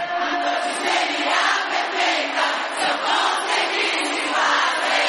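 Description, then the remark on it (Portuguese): A large crowd in Brasília cheers and shouts continuously, a dense, loud roar of many voices with rising swells throughout, no single voice standing out. “Levanta a mãozinha e dá um grito aí. Alô, Brasília, faz barulho na Tancinho Lima.”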